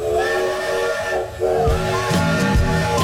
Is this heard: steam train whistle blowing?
yes